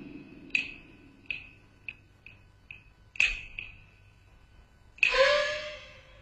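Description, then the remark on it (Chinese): Knocking on a door: a run of about seven sharp, ringing knocks in an uneven rhythm, then a pause and one louder, brighter strike that rings on and fades. No one speaks. “哎，拜进家产是债满手，听见敲门心就无尽。”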